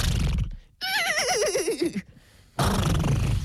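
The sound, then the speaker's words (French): Someone imitates a horse's whinny: a single loud, quavering call that wobbles and slides downward for about a second, framed by bursts of rough, noisy sound before and after. “Après il faut que je fasse le cheval pendant 45 minutes.”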